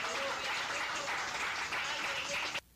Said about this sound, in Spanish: ¡Fuerte aplauso a nuestro rey, hermano! ¡Gloria a Dios!